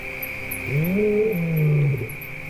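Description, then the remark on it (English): A single lion roar, a low, drawn-out moaning call that swells and fades, carries from a distance over a steady insect drone and faint high bird chirps. No one speaks. “Hearing a lion roar in the distance, the hyena prefers to move away.”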